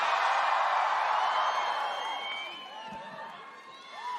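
A large crowd in London screams and cheers in a dense, sustained roar, with high-pitched shrieks and whoops rising above the wash, gradually easing a little before swelling again at the end.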